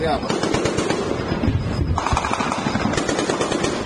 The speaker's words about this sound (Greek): Ουκρανικά ντρόουν χτυπούν την στρατηγική σημασία για τη Ρωσία πόλη Σότσι. Ακούγονται ακόμη και πυροβολισμοί.